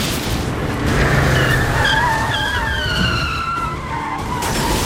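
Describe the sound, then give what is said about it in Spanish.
Tires squeal loudly as cars skid while filming a TV series scene with smoke, trucks overturning and watermelons; shrill wavering screeches slide up and down over a dense roar of engines and road noise, continuous throughout with no voices. “Digo, había de todo, o sea, que era un humo, coches, camiones volcando, las sandías, era un desmadre.”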